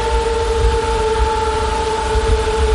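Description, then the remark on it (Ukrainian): Military drones, launched in swarms by Russian forces, hum steadily in the sky near Dobropillia, Ukraine, once the sun comes out: a continuous whine of two sustained, even-pitched tones over a low engine-like rumble, unbroken and fairly loud throughout, with no voices. “Щойно дозволяє погода, дрони сповнюють небо під Добропіллям. І їхній гул, здається, вже не змовкає ні на секунду.”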